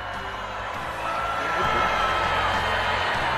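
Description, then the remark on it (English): A large crowd of graduating students boos loudly and steadily at their graduation as Google's former chief executive talks about AI, a dense wash of many voices that swells and grows louder partway through and then holds, with no clear single speaker. “Students booing Google's former chief executive for talking about AI at their graduation.”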